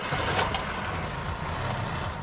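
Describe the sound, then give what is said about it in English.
The engine of a Mercedes-Benz W123 built in East London, South Africa, catches on a single turn of the key and settles into a steady, low rumbling idle, with a brief brighter burst near the start and no voices. “You hit the key once and it's that. Listen to the sound.”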